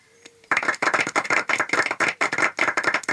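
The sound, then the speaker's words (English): After a brief quiet moment, an audience bursts into clapping: many hands at once in a dense, irregular patter that stays fairly loud and steady to the end, with no voices. “If anybody wants to clap, now's the time to do it.”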